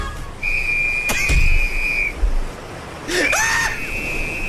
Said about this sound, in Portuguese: Ah, o colete salva a vida, pega o apito.